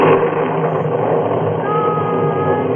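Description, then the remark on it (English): A deep, steady rumble of thunder from a storm coming closer rolls continuously, loud, with a low growling texture and no voices over it. “Thunder's purring closer like a big cat.”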